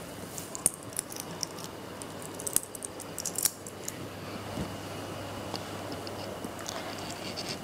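Small metallic clinks and jingles of the King's coins being handled and counted by a child, given by the mother, with a few sharper taps as pieces drop, over a steady low background hum; fairly quiet, no speech.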